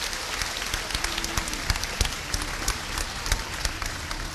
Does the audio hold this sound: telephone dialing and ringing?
no